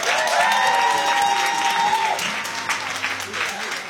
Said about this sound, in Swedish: Han vill ha en stor applåd.